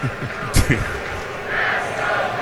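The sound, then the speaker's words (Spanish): A stadium crowd at a Dodgers baseball game chants "Let's go Dodgers" in a short rhythmic burst, with a sharp clap-like accent partway through, then settles into a steady, fairly loud roar of crowd noise. “Y aquí se escucha, Let's go Dodgers.”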